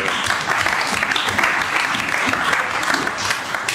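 Steady audience applause, a dense wash of many hands clapping at an even level throughout, with no clear individual beats standing out and no one speaking over it.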